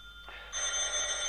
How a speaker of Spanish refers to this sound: ¿No oye usted el teléfono? Conteste.